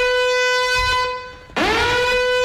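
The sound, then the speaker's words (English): A blaring air horn sound effect, used as a giveaway alarm on a 2GB and 4BC radio show, holds a steady, buzzy tone, dips briefly, then bursts back louder with a swooping pitch bend before sustaining again. No one speaks. “Do we have a goodies alarm or something,”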